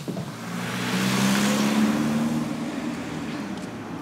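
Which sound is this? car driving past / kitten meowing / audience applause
car driving past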